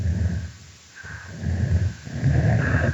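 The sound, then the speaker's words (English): A low, breathy chuffing repeats in rough pulses, fairly loud, broken by a deeper rumbling growl; an adult female snapping turtle vocalizing on its own with no talking. “Here we hear an adult female snapping turtle engaging in a chuffing vocalization, and it's punctuated by a different call type, which we call a growl.”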